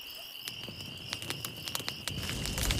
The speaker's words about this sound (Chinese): 来来，把篝火燃起来，得令。